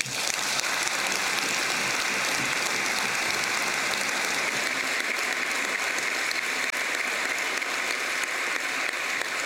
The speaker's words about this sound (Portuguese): João Lourenço, muito aplaudido pelos deputados angolanos, tira um momento para beber água, ele que vai recomeçar o discurso.